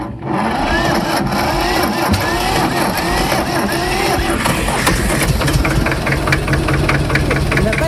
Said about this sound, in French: Allez, on teste un autre tracteur, le petit vert.